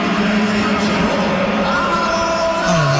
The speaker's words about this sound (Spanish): Escucha la silbatina y voltea hacia atrás para ver el estadio, para ver si realmente lo están silbando. Que sale aplaudido, ¿no? Yo creo que el... está dividido, ¿no? Para mí la silbatina es para Mourinho, que lo saca.